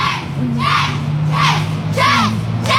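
A crowd of young voices, students from the same school year, chants in unison on a Cool Ride to School day, loud rhythmic shouts repeating about twice a second, cheering a classmate's name over and over.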